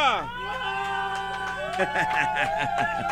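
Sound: football fans shouting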